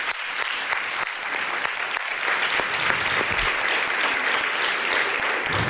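An audience claps steadily for several seconds, a dense, even wash of many hands close by, with no voices standing out above it.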